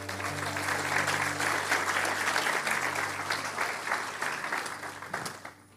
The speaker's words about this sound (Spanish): Vamos a dar un aplauso al Señor por eso.